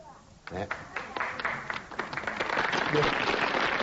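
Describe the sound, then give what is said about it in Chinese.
An audience bursts into applause as a performer bows to them, dense rapid clapping that builds from scattered claps into a steady, loud wash, with a voice briefly audible underneath. “左朋友鼓掌，鞠躬了， 是不好看， 是不是？”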